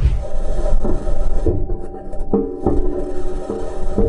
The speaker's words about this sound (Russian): Слышали ритмичный стук? Так звучит марсоход Perseverance, а точнее его колеса. В отличие от привычных нам земных, они из металла и без резины. Поэтому бесшумного плавного вождения на Красной планете не ждите.